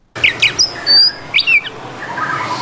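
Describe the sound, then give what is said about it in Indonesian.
A caged white-rumped shama (murai batu) songbird chirps in quick bursts of bright, sweeping whistles and trills, loud and clear over faint background noise, with no one talking. “Bisa Bang jelaskan, Bang, apa saja perawatan yang diberikan, Bang, untuk tiap harinya, Bang, untuk murai batu ini, Bang?”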